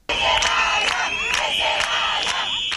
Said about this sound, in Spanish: Ese es el grito que decían los manifestantes ceutíes en contra de las personas que están allí viviendo.